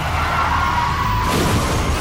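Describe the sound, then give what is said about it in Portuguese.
A tire screech cuts off into a loud crash of crunching metal and shattering glass, with rough clattering noise continuing afterward as the car rolls over. “Chefe está capotando.”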